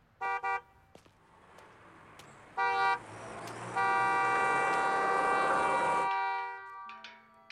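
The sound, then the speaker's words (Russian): Street traffic with passenger cars driving slowly past nearby on an empty street, punctuated by car horns: two quick toots, another short honk, then one long sustained blast before a lower horn sounds near the end. “Рядом медленно проезжают легковые автомобили.”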